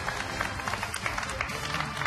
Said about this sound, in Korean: 어, 우리 박수 한번 쳐주세요.